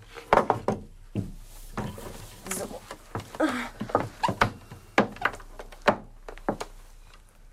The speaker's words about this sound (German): Lass uns mal den Tisch da in die Mitte rücken. Hier. Und den Stuhl da drauf stellen.